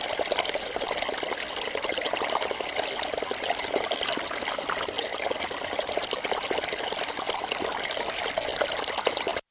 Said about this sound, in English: The sound of the water is very busy. It's rushing. It's fast-flowing water, rushing over stones, gurgling